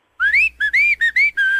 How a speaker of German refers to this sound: Das fröhliche Pfeifen.